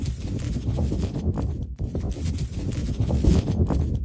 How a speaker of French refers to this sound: Écoute, le souffle du vent.